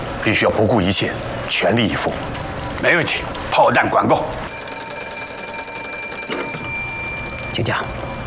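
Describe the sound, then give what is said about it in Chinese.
People talk for a few seconds, then a telephone rings out in one steady, continuous burst lasting about two seconds, bright and fairly loud, before a voice briefly returns. “请讲，首长，电话通了。”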